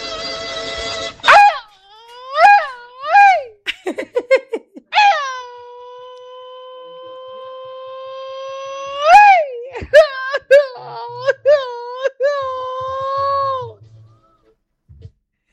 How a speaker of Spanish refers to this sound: Prima, ¿cómo que está llorando el vecino en el grito? Ay, ¿a poco está llorando, vecino? A ver, otra vez, a ver.